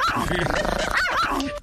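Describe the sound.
A dog barks and yelps in short, pitch-bending bursts, tangled with overlapping voices that keep going throughout this brief, busy moment.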